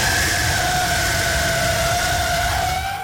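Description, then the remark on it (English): An automobile's tires screech as it skids sideways from one intersection to the next: one long, loud, steady squeal with a slight upward drift in pitch, riding over a rough roar of road noise for about three seconds. “The sound of an automobile skidding sideways from one intersection to the next.”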